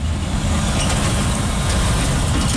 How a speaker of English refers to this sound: Trucks thunder along Intermodal Drive past Triple M Metal, where firefighters are still on site watching for flare-ups.